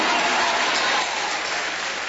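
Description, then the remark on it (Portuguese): A church audience applauds for Jesus, a dense, steady wash of many hands clapping together, easing slightly in loudness partway through. No one speaks over it. “Aplausos para Jesus!”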